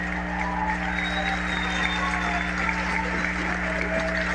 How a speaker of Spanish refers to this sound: ¡Un fuerte aplauso para todas las mamás de Cozumel!